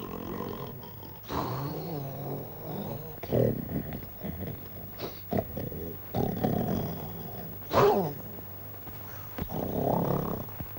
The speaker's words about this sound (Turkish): Nedir bu horultu?